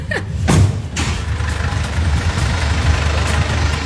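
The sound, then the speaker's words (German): An emergency vehicle's heavy engine rumbles low and steady as it drives off for a lap around the block, with a brief burst of higher noise early on as it revs and pulls away, then settles into a continuous drone. “Der Can darf jetzt einmal eine Runde um den Block fahren.”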